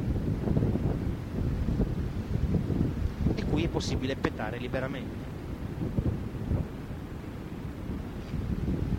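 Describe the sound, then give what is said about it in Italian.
Steady wind buffets the microphone over a deep, continuous rumble of sea and engine on a ferry, loud throughout, while a man speaks briefly in the middle. “Ed eccoci davanti al mare, si sente odore di mare e rumori di mare.”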